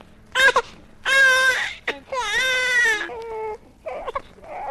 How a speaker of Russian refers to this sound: Не материнского молока требует надрывно малыш, а наркотика. Только после инъекции он успокоится, заснет и будет улыбаться во сне, как все младенцы на свете.